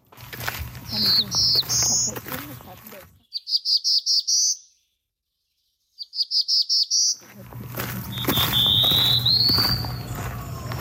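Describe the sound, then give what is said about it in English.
A black-throated blue warbler sings its buzzy, rising song, several short phrases repeated clearly with brief pauses, heard against a low outdoor background hum that drops out midway. “Well, since there was two warblers, I'm gonna insert here the buzzy sound of the black-throated blue.”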